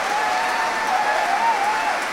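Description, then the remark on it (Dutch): Dense, steady applause from a concert audience after a performance of Piano Concerto No. 2, with a few voices shouting bravo above the clapping. “Bravo, geroep.”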